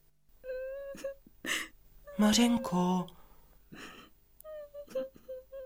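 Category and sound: human body sound, girl crying and whimpering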